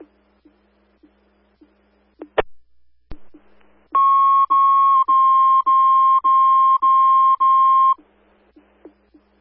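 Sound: fire dispatch alert tones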